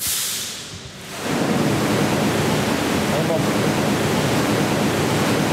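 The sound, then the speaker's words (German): Millions of liters of water gush heavily from pipes in a ceiling into the underground car park of a hotel in Lower Bavaria, Germany, a loud, continuous roaring torrent that swells after the first second and holds steady and dense, with no voices. “Wahnsinnsgeräusch und die Bilder erst, wenn Millionen Liter Wasser sprudeln aus Rohren von einer Decke in eine Tiefgarage und das Internet, das flippt aus vor Freude.”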